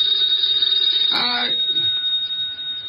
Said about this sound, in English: The phone.